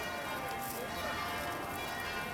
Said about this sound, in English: there was certainly plenty of noise with those church bells. There was, especially in the middle of the day. But it was quite atmospheric.